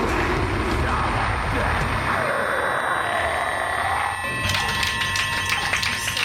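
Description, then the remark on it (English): A steady, high-pitched simulated tinnitus ringing tone hums continuously beneath loud, dense music that shifts to a brighter, busier sound near the end. “But then you step outside and your ears are ringing. This is called tinnitus, a noise that most of the time only you can hear.”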